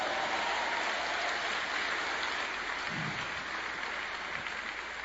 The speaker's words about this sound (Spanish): Ese aplauso está bueno si es para mí, pero si es para Dios, hay que hacerlo mejor.